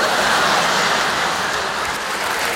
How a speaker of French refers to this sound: Top, record battu, je vais pour sortir, je tire la chasse d'eau et là...